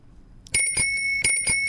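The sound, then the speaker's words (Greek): An ice cream vendor's small bell rings out in two quick bursts of bright, sustained metallic tones, clear, with no talking. “Λοιπόν, ακούτε το ειδικό καμπανίδιο.”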